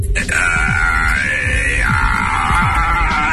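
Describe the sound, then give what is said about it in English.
ChatGPT's synthetic voice imitates a baby crying: one loud, continuous wail held for about three seconds at a steady, high pitch, with a rough, grunting undertone beneath it. “Can you just like make the sound of a baby in the background so I can say I gotta go?”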